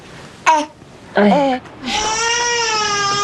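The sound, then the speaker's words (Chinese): A hungry baby cries, starting with two short, strained wails and then breaking into a long, sustained, high-pitched howl. No one talks over it. “哎，怎么又哭上了呢？”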